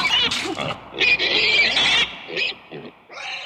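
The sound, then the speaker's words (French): An electric toy pig gives a run of bright, squealing oinks and grunts in quick bursts, fairly loud, with short gaps between calls and no talking over them. “Il y a un petit cochon, c'est un vrai. Non, ça l'électrique.”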